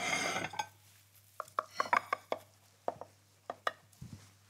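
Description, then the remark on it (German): A knife clicks and taps against a baking dish, buttered and floured beforehand, in a quick, irregular series of sharp, bright strikes, followed by a few scraping knocks as a generous slice of quiche is cut and lifted out. “mal, ob wir das gescheit geschnitten kriegen hier”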